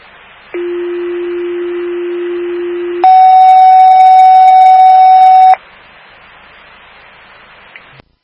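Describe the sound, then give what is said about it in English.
Two steady fire dispatch alert tones play in sequence over a faint radio hiss, a lower pitched tone held for about two and a half seconds, then a higher, louder tone of similar length. They call fire alarm station 25 to a medical emergency at the Wilbraham Senior Center, 250 Springfield Street. “Fire alarm station 25. Respond to the Wilbraham Senior Center.”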